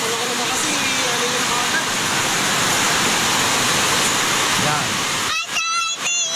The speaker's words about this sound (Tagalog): Lakas ng ulan.